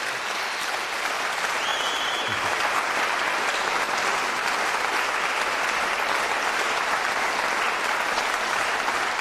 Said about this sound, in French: Je crois qu'on peut encore une fois l'applaudir pour ce magnifique récital.